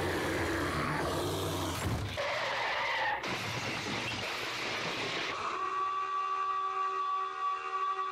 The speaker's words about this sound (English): Did you like the foghorn at the end?